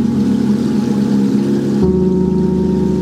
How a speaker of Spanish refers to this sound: Aquí estamos triturando el lirio.